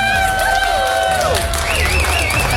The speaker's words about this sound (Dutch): Ik wil nog even één keer een groot applaus voor onze Artist of the Year Female.